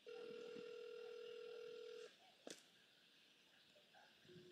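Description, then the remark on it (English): A phone's ringback tone on a call to a woman who does not answer hums steadily for about two seconds, then stops; a sharp click follows, and after a pause the tone starts again, with no one picking up. “I'm trying to call Sally. You know this woman answer my phone. She declined my call, no?”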